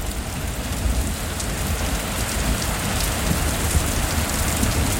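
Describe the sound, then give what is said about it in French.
Heavy rain pours down in Dubai during the April 2024 rains, the most intense there in 75 years, in a steady, dense hiss, with a continuous low rumble underneath and no voices, holding an even loudness throughout. “Mais c'est à Dubaï que ces pluies artificielles ont fait parler d'elles.”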